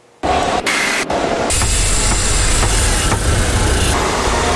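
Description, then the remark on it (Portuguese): A dense, loud roar of city car traffic engines in São Paulo, Brazil, starts abruptly and continues without a break, a heavy low rumble under a hissing wash of noise, steady, with no voices. “São Paulo tem mais de 11 milhões de habitantes, então a gente vive assim, no trânsito entre buzinas e motores, porque a quantidade de carros nas ruas é impressionante.”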